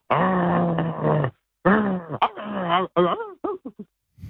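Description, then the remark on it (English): A person imitates a growling dog: one long, steady growl, then shorter growls that rise and fall in pitch, ending in a few quick yelps. Loud, with no other talking. “It's obviously a dog. Well, yeah, it is. Correct.”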